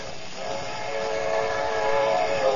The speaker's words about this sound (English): There's a train coming.